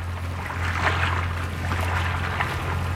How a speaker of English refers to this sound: gazing over the lapping water of the River Thames in London.